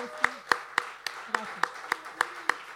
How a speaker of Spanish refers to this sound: Así que gracias. Gracias a todos. Fuertes aplausos.